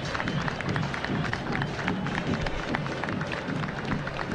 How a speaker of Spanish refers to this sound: Aplauso de la gente, el minuto de silencio.